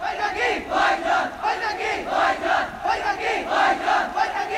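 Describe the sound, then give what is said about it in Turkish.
A large crowd of Pakistani protesters shouts in unison, rising and falling in loud rhythmic waves of chanting voices that continue steadily without a break. “Bu sesleri duyuyor musun? Bu Pakistan halkının sesi.”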